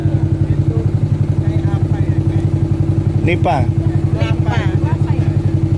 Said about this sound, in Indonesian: Menggunakan joloro atau perahu motor menyusuri sungai di sepanjang kawasan kars Ramang-Ramang menjadi salah satu daya tarik objek wisata di sini.